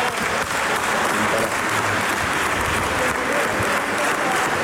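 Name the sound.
applause in parliament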